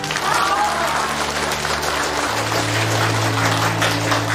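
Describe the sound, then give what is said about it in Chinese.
Students clap steadily and densely throughout for Cai Hesen's father at a commoners' women's vocational school, a sustained wash of applause with a low hum running underneath and a faint voice briefly audible early on. “同学们，这位啊就是蔡和森的父亲，大家也给他鼓鼓掌。”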